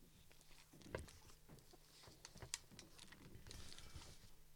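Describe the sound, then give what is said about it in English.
Muffled footsteps on the floor upstairs in a house, a faint, irregular run of soft thumps and light taps with a low hum underneath, with no one speaking. “Sorry for the footstep upstairs.”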